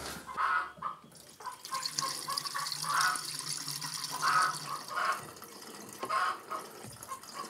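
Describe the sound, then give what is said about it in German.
Coolant water is poured into a generator's cooling system with a steady hissing splash, broken by several hollow glugging gurgles at uneven intervals. No one speaks. “Aber das bedeutet jetzt, dass ich da ein bisschen Kühlwasser nachfüllen muss.”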